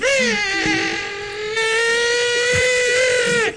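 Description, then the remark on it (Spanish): A parrot lets out one long, shrill squawk, holding a steady, harmonically rich pitch for over three seconds before it drops off abruptly. It's loud and sounds alone. “Oh, ¿es el loro? Sí, el loro.”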